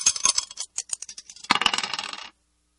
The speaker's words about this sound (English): Let's just throw the dice and see what we're going to play from this.